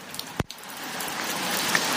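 Steady, hissing rain patters on a tin roof, a dense even wash of drops with one sharp knock early on and no clear drumming rhythm; no voices.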